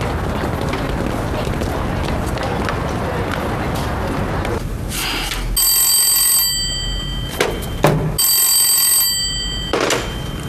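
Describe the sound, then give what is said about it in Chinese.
A telephone rings twice in close succession, each ring a bright, sustained electronic trill, fairly loud, after several seconds of muffled background noise; the call is from Boss Jin (金老板). “好好好，金老板呀，哎呦，好久没给我打电话了啊。”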